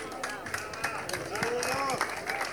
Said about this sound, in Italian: Un applauso per Aria, che vince il premio Parata Eleganza, edizione numero della 40ª edizione delle vele d'epoca Imperia.